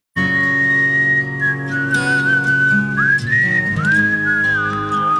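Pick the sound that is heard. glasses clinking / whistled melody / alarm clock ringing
whistled melody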